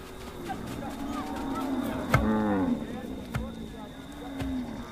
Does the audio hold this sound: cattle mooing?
yes